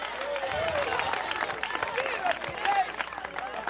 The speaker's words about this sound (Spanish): Tres aplausos, gloria a Dios, un pujido.